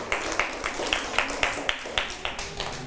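Children clap together in a steady, quick rhythm, about ten sharp claps in under three seconds, fairly close and moderately loud, with no talking over them.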